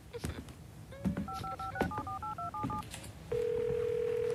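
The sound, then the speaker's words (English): A quick run of about eight touch-tone keypad beeps as someone dials a phone number to make a call, followed by a steady, continuous tone, over faint background noise. “I'm gonna make a phone call, but I'm just around the corner, okay?”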